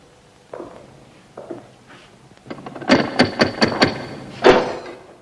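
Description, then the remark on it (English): A prison guard closes a cell door after an inspector steps inside: a few soft knocks and scrapes, then a quick run of five sharp clanks and one final loud bang as it shuts. No one speaks. “The guard closes the door after him and watches through the window.”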